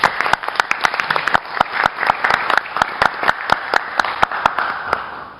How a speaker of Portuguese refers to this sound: Aí está, uma salva de palmas.